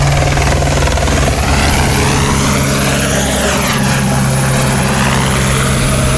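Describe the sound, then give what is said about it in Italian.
A firefighting helicopter roars loudly and continuously overhead during a wildfire in the Capoterra area, its rotor thudding steadily as the engine pitch swells and shifts during the pass. No voices are heard. “I mezzi antincendio sono pochi, gli elicotteri sono pochi lo stesso, cioè la situazione.”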